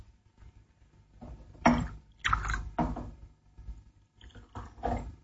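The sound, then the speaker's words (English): Scotch and water poured into a glass, coming in a few short splashing bursts with small clinks in between, with no one speaking. “Have a drink. An excellent idea. Scotch? Fine. Water? Thanks.”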